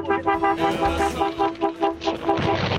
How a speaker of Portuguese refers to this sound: Nossa, que buzina essa, mano. Pelo amor de Deus.